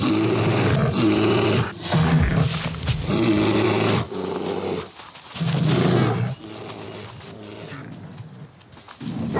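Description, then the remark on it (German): Deep, rough roars and growls from male bears fighting each other as rivals over females ready to mate, coming in loud repeated bursts with short pauses between them, fierce and snarling. “Erbittert kämpfen die massigen Kraftpakete um paarungsbereite Weibchen.”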